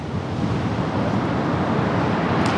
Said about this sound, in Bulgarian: Здравейте от плажа в Лозенец. Днес бяхме ви подготвили една демонстрация по водно спасяване, но както се оказа, морето наистина днес е опасно. Вижте какво голямо вълнение има.